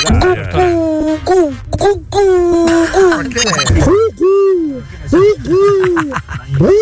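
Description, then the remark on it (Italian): People imitate an owl with repeated hooting calls that swoop up and down and come out more like soft dove coos, overlapping in an uneven rhythm amid some background chatter. “Ma queste sono tortorelle, però dai.”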